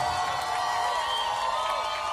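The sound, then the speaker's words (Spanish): A crowd applauds and cheers steadily throughout, a dense wash of clapping with scattered whoops and shouts rising above it, sustained at an even level. “Un fuerte aplauso”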